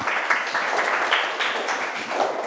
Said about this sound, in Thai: เก่งมากสำหรับกลุ่ม4ปรบมือให้กลุ่ม4ค่ะ